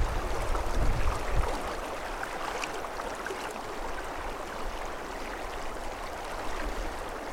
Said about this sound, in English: So the predominant sound, of course, is that of water.